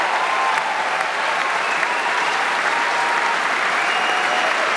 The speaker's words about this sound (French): Il est très chaleureusement applaudi et maintenant il va serrer la main de chacun des membres du jury, Ettore Pagano, qui avait quand même l'air de ne pas s'y attendre.